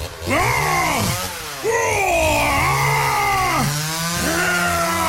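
A loud power saw grinds through pork ribs, cutting pork chops for breakfast, its whine rising and falling in several strained sweeps as the blade bites, continuous over five seconds with a brief dip early on.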